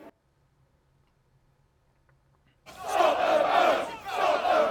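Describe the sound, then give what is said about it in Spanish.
A couple of seconds of near silence with faint low ticking, then masked protesters blockading the port of Dover, England, abruptly burst into loud, sustained shouting of "Stop the boats", many voices yelling together in rising and falling waves. “Detengan los barcos, es lo que han gritado en uno de los principales puntos de llegada las embarcaciones clandestinas que cruzan el Canal”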